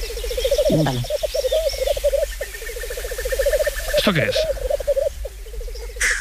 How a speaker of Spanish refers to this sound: Un gallo lira. ¿Un qué? Un gallo lira. Un gallo lira, madre mía. Sí. A ver, súbelo un poquito. Es un primo del urogallo. Más pequeño, sí. con la cola en forma de lira, negro, con dos carúnculas rojas bajo los ojos, creo recordar que es.